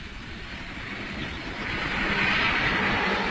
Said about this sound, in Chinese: 黑斯特驾着小吉普和2辆军用卡车鱼贯而来